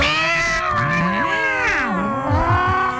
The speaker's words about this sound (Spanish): Porque le da miedo a uno salir al patio. No, a las 3 de la mañana, 4 de la mañana. Y usted escucha una pelea de gatos en el techo.